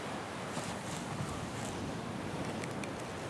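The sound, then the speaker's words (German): Steady roar of sea surf whipped by a westerly wind, a broad, continuous wash of noise with faint brighter hiss flickers and no voices. “Meeresrauschen in Westwindlage.”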